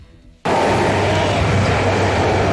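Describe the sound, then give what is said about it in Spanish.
After a brief quiet moment, a loud, steady roar of Bogotá Metro Line 1 trains running on the elevated line cuts in abruptly and continues, a dense rumbling wash with a low hum underneath, constant. “Ese sonido que ustedes estaban escuchando de fondo es el ruido que hacen los trenes de la línea 1 del metro de Bogotá.”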